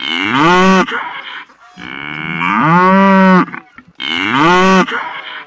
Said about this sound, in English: Did you say cows? Well, that's right. That was some mooing cows.